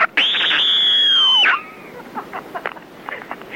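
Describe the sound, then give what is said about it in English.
A single loud, piercing scream held at a high pitch for over a second before sliding down and cutting off, followed by faint, scattered voice sounds in the background. “Meanwhile, to add to your screamscape... Screaming is a part of my dreaming.”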